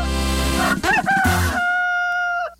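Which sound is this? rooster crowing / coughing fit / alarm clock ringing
rooster crowing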